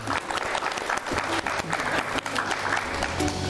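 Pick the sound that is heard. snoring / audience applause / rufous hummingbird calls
audience applause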